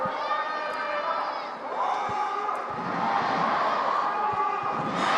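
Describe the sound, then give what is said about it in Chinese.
A large crowd of football fans at a match between the Golog and Huangnan teams roars and cheers continuously after the rain has cleared, a dense wash of many voices rising and swelling, with occasional shouts and whoops standing out from the steady noise. “我们看到今天到场的这个观众也是非常的多雨过天晴整个的这个气候温度都是比较适合球员踢球，也是非常适合我们球迷观赛的一个好的一个时间段，也是一个好的一个环境。”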